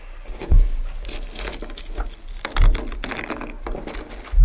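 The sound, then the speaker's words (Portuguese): Brittle crackling and scratchy patter as a plane tree leaf frozen to the icy roof of a car is peeled off in cold weather in Campos do Jordão, with a few soft low bumps in between and no voices. “E nesse vídeo ele está tirando uma folha que ficou grudada no teto do carro por conta da água ali que congelou e formou aquela crosta de gelo por conta do frio”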